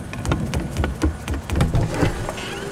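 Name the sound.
rumbling flying vacuum cleaner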